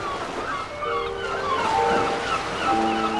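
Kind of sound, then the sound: nature, sea waves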